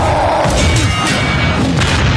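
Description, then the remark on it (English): Loud, dense crashing impact sound effect with deep booms and thuds piling over one another in a continuous, heavy roar, forceful throughout with no voices. “I'm hearing like lightsabers and superheroes like crashing into stuff.”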